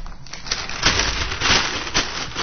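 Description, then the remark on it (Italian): Paper being crumpled loosely into a ball by hand to light a fire, a continuous crackling rustle with several sharper crinkling bursts over a couple of seconds, no voices. “Abbiate cura di non appallottolare la carta troppo con troppa pressione delle mani, perché sennò la carta stessa rimane, diciamo, per così dire, soffocata.”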